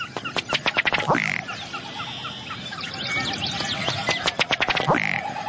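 A ruddy duck's display call repeats twice, each a quickening series of dry, hollow ticks ending in a short gulping croak, clear over a busy marsh chorus of birds.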